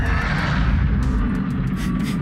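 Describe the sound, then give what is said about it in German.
A shark sound from the video game Subnautica 2: a deep, steady rumbling roar lasting a couple of seconds, loud throughout, with faint airy swishes flickering over the top. No one speaks. “Nee, es ist ein Haigeräusch aus Subnautica 2.”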